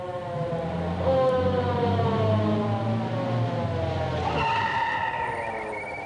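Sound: fire engine arriving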